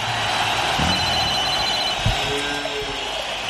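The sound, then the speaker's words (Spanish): An old telephone bell rings steadily with a bright metallic jangle, and a cowbell clanks once partway through, fairly loud with no voices. The phone and cowbell were left by Nigri Acosta and mark the end of an edition of the radio show La Casa del Rock Naciente on Rock and Pop. “El viejo teléfono y la vaquita que nos dejó el querido Nigri Acosta nos señala que se acabó esta edición de la Casa del Rock Naciente.”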